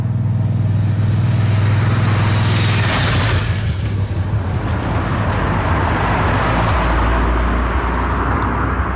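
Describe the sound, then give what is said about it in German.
Cars and motorbikes roar past on a narrow road directly in front of a restaurant at Schönmatt in the Basel region, Switzerland, shortly before 5 o'clock; a loud engine drone swells around three seconds as one passes, then steady rumbling traffic continues with no voices. “Eine schmale Strasse geht direkt vor dem Restaurant durch. Töpfe und Autos sausen vorbei im Minutentakt.”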